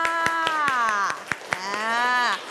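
Steady, evenly spaced hand claps, around ten sharp smacks in a quick rhythm, ring out over a long, sustained voice that holds a drawn-out tone and slowly bends in pitch.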